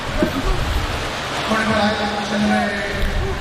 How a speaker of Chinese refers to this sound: 来，掌声给观众鼓励一下，欢迎九号家人登场。